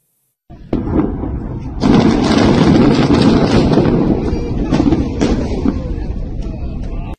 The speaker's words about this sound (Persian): حجم انفجار به حدی بالا بود که روزنامه اسرائیل هیوم اعلام کرد زمین لرزه به بزرگی 4.1 هم ایجاد شده